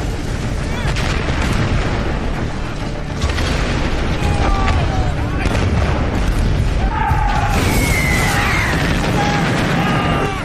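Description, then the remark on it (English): German artillery shells burst in a relentless heavy bombardment, three and a half million fired in five hours: loud, overlapping booms form a continuous roar, with thin whistling tones sliding through the din. Muffled voices may be buried underneath. “Three and a half million German shells are fired in just 5 hours.”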